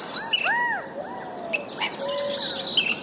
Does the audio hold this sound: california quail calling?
yes